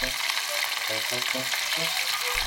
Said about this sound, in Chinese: 新鲜的青鳞鱼有着独特的风味，用面粉在鱼身上薄薄抹一层，将青鳞鱼下锅炸到两面金黄，就大功告成了。